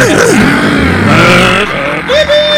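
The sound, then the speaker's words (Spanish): A voice imitates a race car engine with the mouth, like the noise made while playing with Hot Wheels toy race cars, a loud continuous buzzing drone with rising and falling pitch sweeps like revving and shifting gears, lasting a couple of seconds. “Y ahí hacía el ruido del motor con el hocico, ¿se acuerda?”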